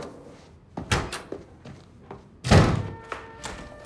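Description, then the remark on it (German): A door is slammed hard, a loud booming bang with a brief ringing resonance, preceded by a few lighter knocks and thuds as it is handled. “Guck mal, so schmeißt man eine Tür mit Schmackes, damit's auch knallt.”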